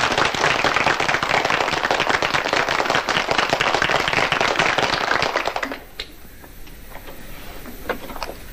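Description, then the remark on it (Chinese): A class of students in a classroom claps their hands to welcome a new teacher before his lesson. The dense, rapid applause lasts about six seconds, then stops abruptly, leaving a few scattered, faint claps. “现在就请肖先生来给你们上课，拍手。”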